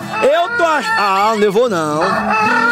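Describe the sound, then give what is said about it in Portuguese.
A person's voice imitates a rooster crowing to wake everyone up: one long, loud cock-a-doodle-doo with rising and falling pitch, lasting nearly three seconds. “Coloca o galo pra acordar todos.”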